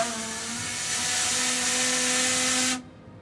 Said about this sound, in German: Ja, also wer die Warnung nicht hört, der hört die Pfeife. Sehr schön.